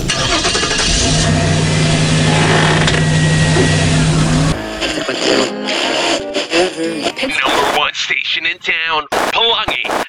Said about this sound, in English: You know what? I got one idea. Turn on the car.